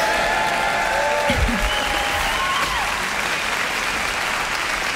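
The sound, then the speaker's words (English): A large audience at an orchestral concert applauds steadily for the full length, a dense wash of clapping with a few faint whistles and calls rising above it. “But I think you might have surpassed the 630 crowd, you know?”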